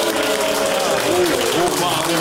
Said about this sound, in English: Clap if you want Adam's one.